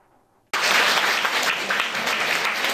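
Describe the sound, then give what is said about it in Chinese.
After a brief quiet moment, Buddhist devotees at Fo Guang Shan's New York temple burst into loud, sustained applause welcoming the Venerable Masters entering for a Humanistic Buddhism lecture, a dense wash of many hands clapping that stays steady to the end. “佛光人热情拍手迎接法师进场。”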